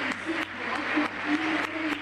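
A stadium crowd applauds footballer Ángel Correa, a world champion, in a steady, dense wash of clapping with cheering mixed in. A few sharper bursts punctuate it, and the noise stays fairly loud for about two seconds.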